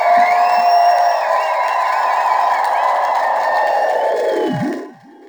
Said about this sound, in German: Es klingt ganz danach, dass jetzt bei Kummo 99 langsam fertig wird. Man hört schon, wie die Leute klatschen.